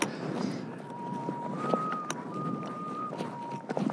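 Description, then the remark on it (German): Wind rushes and gusts across an exposed mountain ridge, with a thin steady whistle that holds one pitch, jumps a third higher, then drops back, sustained for several seconds over the rough background roar. “Der Wind pfeift eine Terz.”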